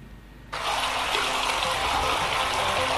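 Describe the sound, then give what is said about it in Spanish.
Steady, loud rushing of the flowing Maniquí River, now about 43 meters from the platform of national route 3, starting abruptly after a brief quiet moment and continuing unbroken, with no voices. “Ahí escuchemos cuántos metros ya está el río Maniquí. Sobre la carretera.”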